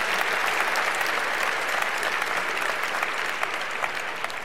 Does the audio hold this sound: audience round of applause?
yes